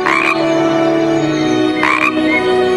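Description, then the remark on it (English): Bullfrogs croaking in a steady, low droning chorus, with two brief, brighter croaking bursts near the start and again toward the end. Fairly loud, with no voices. “I'll find birds to eat the extra bugs and insects, and the bullfrogs will eat them too.”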